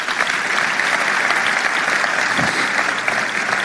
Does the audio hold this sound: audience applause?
yes